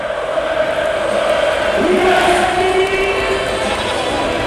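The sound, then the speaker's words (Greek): A large crowd roars steadily and loudly, rhythmically chanting the name of Evan Fournier before a trophy presentation, many voices blending into a dense wall of sound with sustained sung or shouted tones rising above it. “Ακούτε τον κόσμο να φωνάζει ρυθμικά το όνομα του Εβάν Φουρνιέ.”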